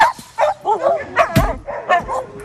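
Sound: dogs barking and yipping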